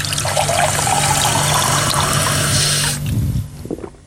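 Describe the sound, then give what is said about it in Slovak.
Water pours steadily into a crystal glass for about three seconds, a bright splashing rush that stops, followed by a few soft clinks and settling sounds. “Z kryštálového pohára aj čistá voda chutí lepšie. Na to som zvedavá. Poďme sa teda presvedčiť, či je to naozaj tak.”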